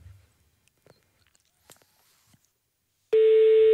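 A few faint clicks and handling noises in near silence, then a loud, steady telephone ringback tone from an outgoing call cuts in abruptly and holds to the end, with no one speaking.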